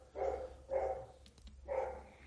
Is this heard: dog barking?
yes